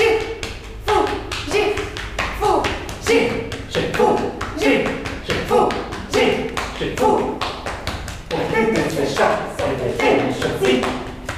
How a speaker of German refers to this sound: Sie klopfen sich gegenseitig auf den Rücken und unterhalten sich mit rhythmisierten Silben auf einer Fantasiesprache.